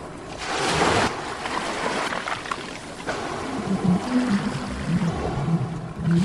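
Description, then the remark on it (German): A machine plays steady ocean waves that wash and rush throughout, with low, drawn-out whale calls moaning faintly beneath the surf in the latter half. No one speaks. “Sofort von der Maschine heraus begann das angenehme Rauschen der Meereswelle mit entspannenden Stimmen von Walen zu klingen.”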